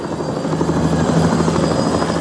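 Helicopter rotor blades thump in a fast, steady rhythm over a loud, continuous engine whine, dominant throughout with no voices, as a rock musician appears on stage at the Avtoradio disco.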